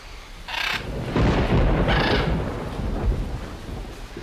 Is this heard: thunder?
yes